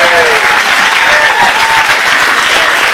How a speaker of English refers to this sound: By the way, that just means the applause sign was turned on.